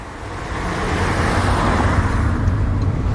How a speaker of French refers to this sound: Et là on a pris la voiture obligatoirement parce que on se rend chez tes parents. C'était un peu la route pour aller au collège ça.